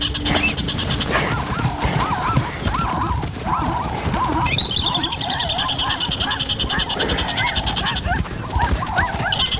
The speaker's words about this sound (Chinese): 一只松鼠发出了警报